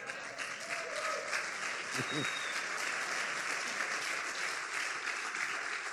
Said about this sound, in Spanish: Yo sé que usted aplaude, pero en el fondo usted está diciendo, uy, no, tanto así no.